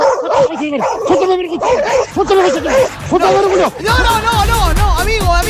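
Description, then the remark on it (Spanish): A dog barks and yips in rapid, agitated bursts, the sharp yelping calls running almost continuously for several seconds with little pause between them; the dog is angry. “Wow, dice mi perro. Wow, está enojado.”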